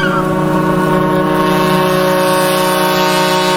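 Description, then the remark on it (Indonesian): A ship's engine drones steadily and loudly, a deep continuous hum with layered tones and faint wind-like rush, as the vessel moves toward the dock of a home village where it will soon berth; no one speaks. “Kanda, sebentar lagi kapal kita akan bersandar di dermaga kampung halamannya.”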